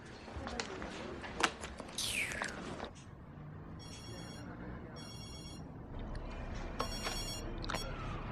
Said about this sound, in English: Phone.